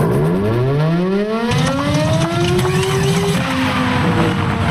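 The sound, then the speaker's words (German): A mechanical siren winds up with a rising, droning wail, then falters and drops off abruptly after a few seconds, over a steady wash of background noise. “Mensch, kaum läuft die Sirene mal, gibt sie direkt den Geist auf.”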